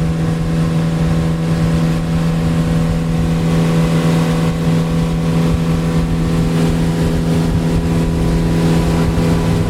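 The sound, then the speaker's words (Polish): A motorboat engine on a river drones loudly and continuously as it speeds up with the throttle opened, a steady low hum with rumbling overtones and faint water noise, with no one speaking. “Nawet nasz sternik miał dzisiaj problem, żeby znaleźć, jak, w jaki sposób, w którym miejscu płynąć do rzeki Acininga, ale teraz widzę, czuję się bardziej pewnie i przyspiesza. Dodaję gazu.”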